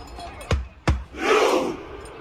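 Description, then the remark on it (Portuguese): Norway football fans at the World Cup doing the Viking thunder clap: two sharp, booming claps in unison, spaced under half a second apart, followed by a loud collective shouted grunt that swells and fades. “A remada viking fez sucesso.”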